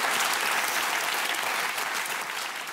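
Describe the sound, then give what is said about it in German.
An audience applauds steadily, a dense, even wash of many hands clapping at a constant loudness that eases off slightly toward the end, with no voices rising above it. “Und wir klatschen für Sie, was Sie geschafft haben.”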